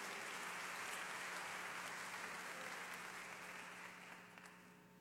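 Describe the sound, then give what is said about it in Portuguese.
A church audience applauding the Lord during a sermon, a dense, steady wash of many hands clapping that fills the space for several seconds before easing slightly toward the end. “Você quer aplaudir ao Senhor?”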